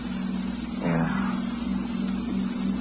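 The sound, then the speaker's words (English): A car engine hums steadily, then its pitch steps up and grows slightly louder as it accelerates, holding a rough, even drone through the rest. No voices. “Nice car you've got.”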